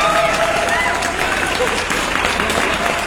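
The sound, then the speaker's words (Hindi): Loud, steady applause from a crowd, a dense wash of many hands clapping at once for about three seconds, with faint voices and a brief high tone mixed in at the start. “ये जोरदार तालियां आप सभी के लिए एंड आप सभी ने पार्टिसिपेट किया आज की मॉर्निंग और फटाफट से अपने अपने जवाब पहुंचा दिए हैं आज की सुबह आपने।”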